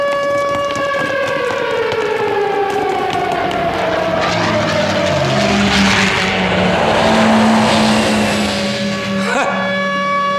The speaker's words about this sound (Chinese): 哎，是空袭警报，日军轰炸，赶快躲，快快快躲，快 去防空洞， 走走走， 快走。